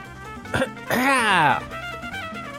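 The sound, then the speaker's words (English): A short, sharp cough bursts out, followed by a longer voiced, throaty cough, both over faint background music. “I need a cough button or something.”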